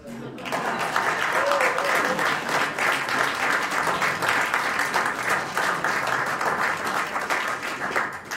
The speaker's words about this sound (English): Thank you so much for clapping.